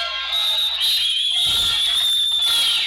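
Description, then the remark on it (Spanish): Loud, shrill whistling from the home crowd at a baseball game, holding steady for a few seconds over a dense background roar, with no one speaking. “Gritan, chiflan, hacen ruido.”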